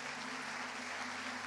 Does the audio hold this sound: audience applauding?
yes